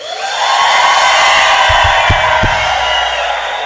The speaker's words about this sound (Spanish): ¿Cuántos están contentos en esta mañana? Si quiere darle un grito de júbilo.